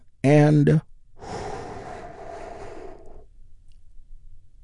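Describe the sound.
A brief voiced sound, then a slow, deep, healing breath drawn in during a guided breathing exercise: a soft, airy rush lasting about two seconds before fading to quiet.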